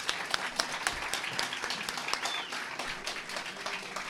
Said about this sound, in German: nochmal einen donnernden Applaus.